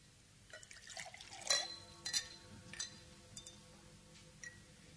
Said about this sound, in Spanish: Muriel sirve los licores.